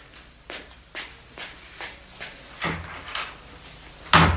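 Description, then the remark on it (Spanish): Steady footsteps approach, about seven soft thuds, followed by a louder wooden clunk of a door being opened. No one speaks. “Abre esa puerta”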